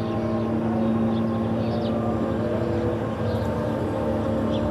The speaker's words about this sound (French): Toujours il y a des bombardements, toujours il y a le MK. MK, c'est une petite avion d'espionnage. Avec le son zzz, tout le temps.